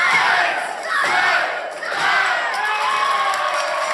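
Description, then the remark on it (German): A large wrestling crowd roars in unison, counting "eins, zwei, drei" in a few rhythmic surges to end the bout, then holding as loud, sustained cheering with no single voice standing out. “Eins, zwei, drei, zählt die Menge.”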